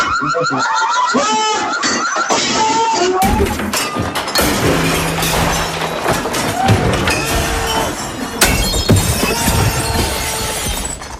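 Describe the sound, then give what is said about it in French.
Dishes and glass being smashed with a stick, baseball bats, a sledgehammer, a crowbar and a hammer in a room of about 20 square metres: a continuous loud barrage of crashing and shattering with bright, scattered fragments, punctuated by occasional laughter and shouts. “Normalement, l'alarme va se déclencher et on va pouvoir tout casser.”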